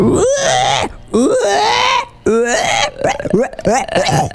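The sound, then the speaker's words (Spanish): A person imitates a pig squealing: a string of loud, strained, nasal squeals, each sliding up and down in pitch, separated by brief breaths. “Es muy difícil hacer el cerdo, chico.”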